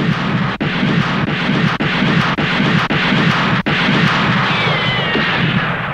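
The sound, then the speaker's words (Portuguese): A loud, sustained volley of gunfire as a gang of five men opens fire on a sheriff in a shootout: dense crackling noise punctuated by sharp cracks roughly every half second, with a brief thin whine near the end and no voices. “Rapazes, fogo nele!”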